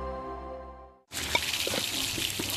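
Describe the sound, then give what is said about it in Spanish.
A short musical tone fades out, then water gushes steadily from a tap as someone takes tap water to drink, a loud, continuous hiss and splash with a few drip-like spatters, running to the end. “Oye, ¿estás tomando agua de la llave?”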